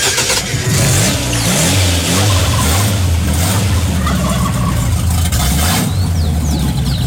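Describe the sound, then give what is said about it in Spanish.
An old car engine that had failed to start turns over and runs with a rough, loud rumble, revving up and down in uneven surges, with no talking. The car is burning oil, giving white smoke, and seems to have a broken exhaust. “Mire que el carro ya me está prendiendo. El carro ya. Ya lo logré.”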